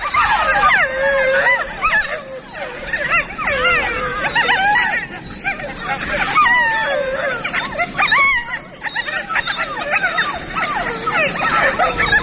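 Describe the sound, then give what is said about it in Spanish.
A group of wolf pups born this spring, gathered together, yips, whines and chatters continuously in overlapping high, wavering calls in reply to an adult's earlier howl, fairly loud, with no human voices present; recorded on a mountain at night. “Los cachorros que han nacido esta primavera están reunidos y, respondiendo al adulto que aullaba antes, vale, mantienen estos parloteos.”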